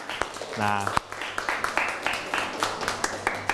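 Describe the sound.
A group of students in a class claps for classmates who gave a correct answer in a quiz about Thai songs, a quick, uneven patter of sharp slaps that runs for a few seconds. A brief voice sounds just before the clapping begins.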